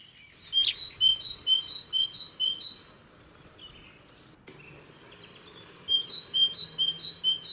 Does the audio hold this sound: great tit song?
yes